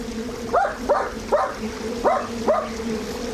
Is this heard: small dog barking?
yes